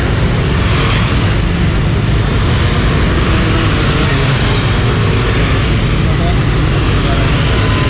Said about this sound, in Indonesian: Sudah mulai banyak kendaraan yang melintas pagi hari ini. Banyak yang antar anak sekolah. Dominasi masih roda 2 pagi hari ini.